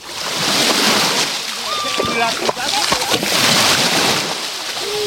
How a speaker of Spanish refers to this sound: el sonido de las olas del mar, iba a decir, bueno, de las olitas, porque el mar hoy está a plato aquí en la playa de La Guardia. Así es como suena hoy el mar Mediterráneo.